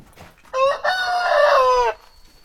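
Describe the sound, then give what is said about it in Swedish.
The rooster Gaston crows once, loud, a brief opening note breaking into a long strained cry that cuts off abruptly, with only faint farmyard noise around it and no talking. “Ja, det är ju ett av hans stora arbetsuppgifter att skapa mera höns.”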